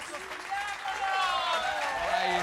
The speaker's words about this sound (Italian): Oh, facciamo un applauso